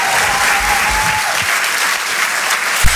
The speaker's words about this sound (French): on peut l'applaudir très, amis, très, très, très fort. Merci.